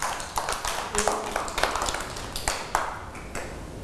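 A group of children in a classroom clap for a classmate in a quick, uneven patter of sharp slaps that overlap and keep going steadily for several seconds, with a faint ringing tone briefly underneath.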